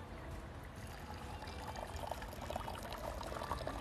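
Liquor pours steadily from a freshly opened 500 ml bottle into a glass, a continuous bubbling splash that rises slightly in pitch and fizz as the glass fills and dense foam builds, with no talking.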